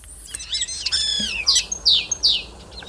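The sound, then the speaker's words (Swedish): A common starling runs through borrowed calls of other animals, identified as wood sandpiper, crane, fox, common snipe, magpie and yellowhammer: a quick medley of warbling, harmonic whistles, then three sharp, descending call notes, clear with no voices. “Ska vi ta och lyssna på vad du och Mats Ottosson hör för andra djur här när, som staren härmar?”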